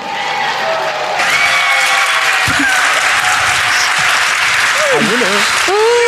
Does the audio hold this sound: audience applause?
yes